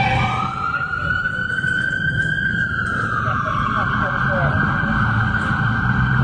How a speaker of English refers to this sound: That might have been a cop car coming that way.